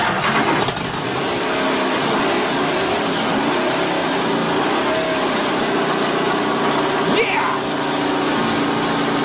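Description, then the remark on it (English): A Land Rover Defender engine cranks and catches, then settles into a steady, loud rumble before one quick rev rises and falls near the end. “Yeah, that's exactly what my Land Rover Defender sounds like in my head.”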